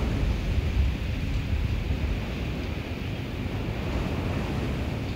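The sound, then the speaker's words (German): A steady, loud rush of churning storm floodwater about 5 metres from a house, stopped a few metres before the front door and now running off again, with a deep, rumbling low end and gusty wind noise, continuous throughout with no voices. “Wenige Meter vor der Haustür ist das Wasser stehen geblieben. Jetzt läuft es wieder ab.”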